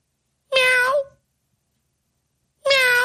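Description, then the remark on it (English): A voice imitates a cat meowing: two drawn-out meows separated by about two seconds of silence, each loud and tonal with a slight falling pitch. “Then I'm hearing this. Meow, meow, meow.”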